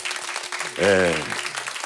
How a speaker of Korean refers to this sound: 아, 이거는 박수를 안 치고 넘어갈 수가 없네.